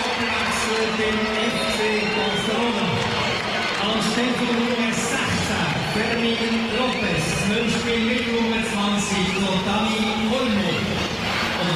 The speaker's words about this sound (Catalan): Aquests canvis, Rafinha i Fermín marxen, entrarà Lamin, que ara sentirem la ovació, evidentment, de cap al jugador de Mataró, i també entrarà Dani Gómez. Escoltem l'ovació.